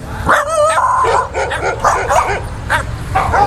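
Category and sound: animal, dog barking and yipping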